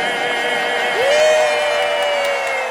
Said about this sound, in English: And the crowd goes nuts.